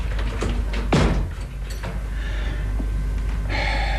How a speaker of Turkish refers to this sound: Kapıyı kapat.